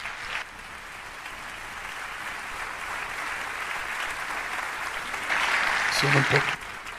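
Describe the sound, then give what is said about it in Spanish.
A church audience claps for God in a dense, continuous wash of applause that swells louder near the end, with a few voices calling out over it. “Dale un aplauso a Dios.”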